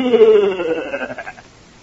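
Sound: goat bleating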